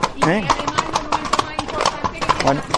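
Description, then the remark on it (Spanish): Horse hooves clip-clop in a steady, brisk rhythm, the sharp knocks continuing throughout while a person talks over them, as the horse enters the enclosure of the collegiate church of Osuna, Spain, the starting point of a horseback route from Osuna to Ronda. “Estamos ahora mismo entrando en lo que es el cancel de la colegiata de Osuna, que es el punto de partida de la ruta esta de Osuna Ronda Caballo.”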